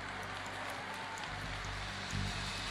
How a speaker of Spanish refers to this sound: Denle un mejor aplauso al Rey.